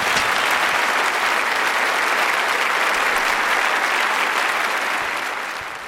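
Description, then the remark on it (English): Sustained, dense applause from a concert audience after a performance with a symphony orchestra, a steady loud wash of clapping with no gaps, easing off slightly in the final second. “I wasn't expecting the applause, but it was well-deserved.”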